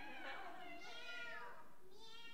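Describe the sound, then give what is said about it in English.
A child's voice imitates a cat during a farm-animal song, producing a few drawn-out, wavering meows in quick succession, fairly clear against a quiet background. “Meow? Is that how it goes?”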